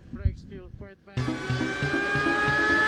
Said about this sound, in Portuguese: Os carros já chegando para o alinhamento do grid de largada para o Grande Prêmio da Catalunha, o Grande Prêmio de Barcelona